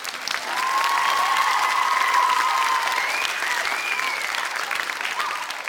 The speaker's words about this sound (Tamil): கரெக்டா சொன்ன உங்க எல்லாருக்கும் இந்தாங்க பிடிங்க பலத்த கைத்தட்டல்.